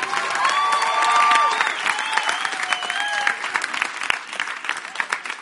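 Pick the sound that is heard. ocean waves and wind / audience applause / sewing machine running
audience applause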